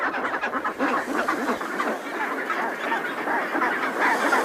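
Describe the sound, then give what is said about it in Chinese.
A dense chorus of chinstrap penguin calls, many harsh, honking voices overlapping continuously, loud and steady throughout with no one speaking. “由于每只帽带企鹅的叫声各不相同，青鸟和幼鸟就可以凭借这一独特的身份信息，在众多的同类中迅速找到对方。”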